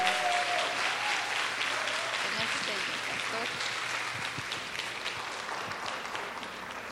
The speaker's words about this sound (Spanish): Démosle un aplauso de cariño para ella.